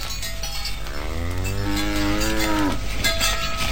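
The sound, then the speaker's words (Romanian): A cow lets out a single long, loud moo lasting a couple of seconds, rising and then trailing off, over a steady background hiss with a faint bell-like clink. “Firai tu să fii de vacă, nătântoală, proastă meacă.”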